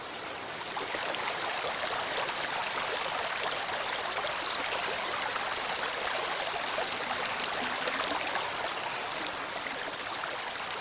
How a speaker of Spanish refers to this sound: Llamativo donde los haya, encierra barrancadas por donde el agua baja vertiginosamente para formar numerosas venas que surcan la roca hasta el río principal.